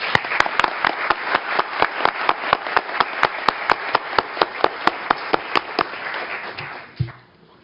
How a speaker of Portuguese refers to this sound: Eu queria pedir uma salva de palmas para eles.